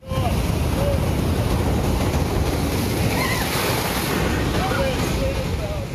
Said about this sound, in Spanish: Sobre todo en Long Beach, pues las olas siguen golpeando la costa por tercer día consecutivo. Rompen contra el muro del malecón y algunas alcanzan entre 5 y 8 pies con ráfagas de hasta 12 pies.